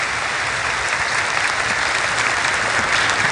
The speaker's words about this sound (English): They're just applauding that I made it all the way up the stairs. You made it up the stairs.